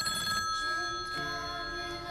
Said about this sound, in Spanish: Bueno, pues el miedo puede empezar con algo tan sencillo como un teléfono que suena.